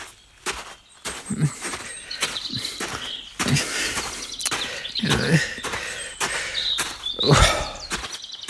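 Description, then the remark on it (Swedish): Birds chirp and tweet in bright, overlapping calls throughout on a sunny day, mixed with soft thuds and rustling, like footsteps passing outdoors. No one speaks. “Solen skiner och fåglarna kvittrar.”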